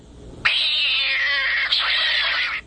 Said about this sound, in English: And, of course, the studio cat, Gato.